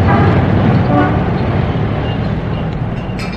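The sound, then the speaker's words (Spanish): Dense street traffic rumbles steadily in a city centre, heard from outdoor café tables, engines droning together, with a car horn tooting briefly near the start above the constant roar and pedestrians coming and going. “Sentados cómodamente ante las mesillas situadas al aire libre, contemplaban el intenso tráfico, el ir y venir incesante de los transeúntes.”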